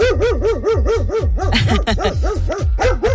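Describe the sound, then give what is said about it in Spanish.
A dog gives an alert bark: a rapid, insistent, repetitive stream of sharp, fairly high-pitched barks, loud, with no pauses and no voices. “Entonces podemos saber entonces que ese es el ladrido de alerta.”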